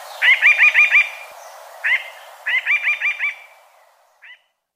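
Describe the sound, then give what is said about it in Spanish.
A mountain jay's song, a Colombian bird, with no talking: a fast run of five ringing notes, a lone note, another run of five, then one faint final note. “El trino del arrendajo montañero forma parte del Banco de Sonidos de Aves Colombianas recopilado por el Instituto von Humboldt y la Universidad de Cornell.”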